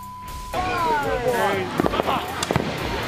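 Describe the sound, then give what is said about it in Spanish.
A steady beep gives way to whistling fireworks rising and falling, then a rapid burst of sharp, loud bangs and crackles, with faint voices underneath, at a street takeover in the United States. “Ahora imagínense manejando fuegos artificiales.”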